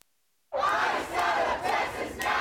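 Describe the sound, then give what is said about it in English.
A protest crowd in Houston, outside a Houston City Council meeting, bursts into loud, sustained shouting after a moment of silence, many voices yelling together in rising and falling waves, calling for an end to Immigration and Customs Enforcement operations. “Fury from members of the Houston community as they call for an end to the Immigration and Customs Enforcement operations in their state.”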